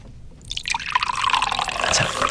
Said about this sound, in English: Do you want to give us a healthy pour as well into one of those glasses? We're going to split this up and try both.